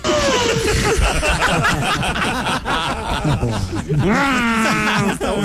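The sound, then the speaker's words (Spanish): Loud laughter and chuckling fill the moment, then a voice lets out a wavering, nasal imitation of a sheep's bleat near the end. “Ma, ¿cómo hacen las ovejas?”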